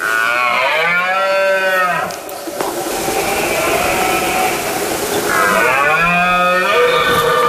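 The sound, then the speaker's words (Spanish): Two long, loud, deep bellows from a red deer stag in rut in late September, each a rough, harmonic-rich roar that rises and then falls away, separated by a few seconds of broad rustling noise. “Es la época del celo, del ciervo y el corzo, por lo que el macho brama para llamar la atención de las hembras e imponerse ante el resto de los machos.”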